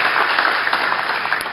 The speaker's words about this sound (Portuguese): Salva de palmas.